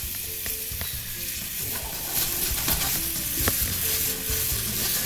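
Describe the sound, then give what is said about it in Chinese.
Steady sizzling and frying in a pan with scraping, clattering stir strokes as shacha sauce, with a little water added over low heat, is tossed through the ingredients to coat them; a broad, continuous hiss that grows a bit louder midway, with no talking. “那家里如果各位观众觉得炒麻烦的话，你直接上去盆子拌一拌也可以。”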